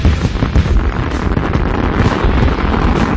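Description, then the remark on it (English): A dense, continuous barrage of fireworks crackling and booming together, loud, with no pauses between bursts and no voices. “Celebrate our 250th birthday with double the inventory and more fireworks than ever before from Pyro City at the Marshall Junction.”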